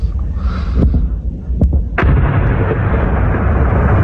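Three sharp blasts of explosions and air defense fire during a night drone attack on Kharkiv, Ukraine, crack out within a couple of seconds over a heavy, constant low rumble, the last one loudest and followed by a sustained roar.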